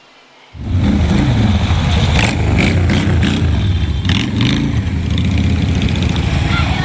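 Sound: motorcycle engines revving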